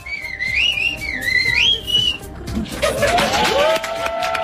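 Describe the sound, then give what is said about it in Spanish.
A person whistles a short melodic phrase of rising and falling tones in the Gomeran whistled language of La Gomera, followed by crowd noise and a burst of applause or cheering. “¿Podría silbarme vagos maleantes y homosexuales?”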